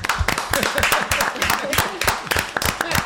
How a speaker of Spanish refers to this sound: vamos a recibirlo con un forte aplauso.